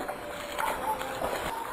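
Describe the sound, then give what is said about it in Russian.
Wet, squelching footsteps in mud outside a house: a handful of soft, sloppy squishes spaced unevenly over a steady hiss of background noise, moderately loud. “снаружи послышались шорох и чей-то торопливый шепот, сопровождаемый хлюпаньем, как будто кто-то ступал по грязи.”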